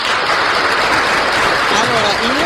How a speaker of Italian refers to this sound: Applausi! Applausi, applausi! Applausi, applausi! Arrivano gli applausi, arrivo un po' in ritardo, gli applausi.